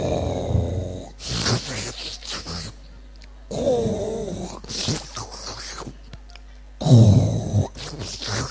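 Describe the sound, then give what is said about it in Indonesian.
A voice mimics snoring, with a few rough, rattly bursts, snoring on the out-breath and sucking with drool on the in-breath, separated by short quiet gaps. Each burst is fairly loud, with a wet, sucking edge. “Jadi keluarnya ngorok, nariknya nyedot, iler.”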